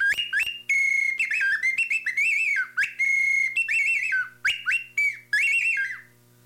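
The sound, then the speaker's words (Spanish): A bird whistle sold at a stall, imitating various bird sounds, plays a rapid string of bright, high chirps and trills, warbling up and down in quick bursts with brief pauses, loud and alone with no talking. “Y luego acá trae este, ¿de qué es? Pajarito.”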